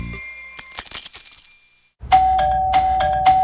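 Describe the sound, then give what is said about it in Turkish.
A metallic clinking jingle, then a doorbell rings repeatedly, its bright chime striking four times in quick succession, loud, with no voices. “Bir susmadı bonusluların zilleri. Ding dong ding dong. Durmadan kargo geliyor.”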